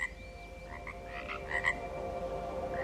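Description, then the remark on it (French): A chorus of frogs croaking continuously in a garden, with several overlapping calls and a few louder croaks rising above a steady background drone. No one speaks. “Et le croassement des grenouilles, c'est vraiment un son auquel je me suis habituée.”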